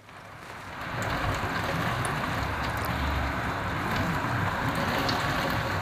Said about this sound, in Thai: ไต้หวันที่อาศัยอยู่ในเมืองทางตอนเหนือบันทึกภาพขณะที่ฝนเทกระหน่ำและลมพัดถล่มในพื้นที่ซึ่งเป็นผลมาจากอิทธิพลของพายุไต้ฝุ่นบาวีซึ่งเคลื่อนตัวผ่านใกล้กับทางตอนเหนือของไต้หวัน